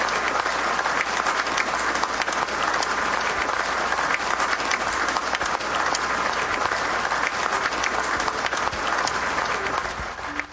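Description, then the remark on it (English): A large audience applauds steadily, a dense, sustained wash of clapping at even loudness that lasts the whole stretch without pause, with no voices rising above it. “That's a good place to clap right there.”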